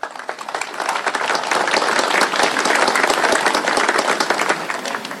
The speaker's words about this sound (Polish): Wielkie brawa!